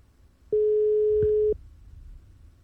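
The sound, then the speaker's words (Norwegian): A single one-second burst of a telephone ringback tone as a call is placed to the next participant, a steady mid-pitched hum that starts and stops abruptly, heard clearly over faint low line noise with no voices. “Og da ringer det.”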